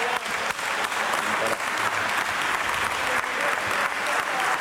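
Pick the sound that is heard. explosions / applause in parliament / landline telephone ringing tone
applause in parliament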